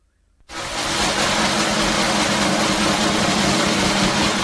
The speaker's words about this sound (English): you'll understand that Heather, like I, were a bit disappointed with the drum roll that I was using. And so, thank you, Heather. We'll give it a go.